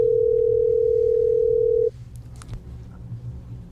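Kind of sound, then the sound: signal or alarm, telephone dial tone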